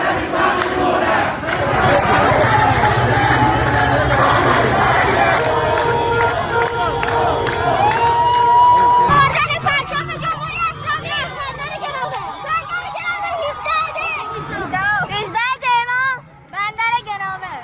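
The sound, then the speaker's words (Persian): A large crowd of protesters in Bushehr province, Iran, roars steadily, a dense wash of many voices, then breaks into loud overlapping shouts and rising cries that rise and fall unevenly throughout. “استان بوشهر پایتخت گاز ایران با بیش از 1,200,000 نفر جمعیت در جریان انقلاب ملی شاهد اعتراضات مردم در تمام 10 شهرستان خود بود.”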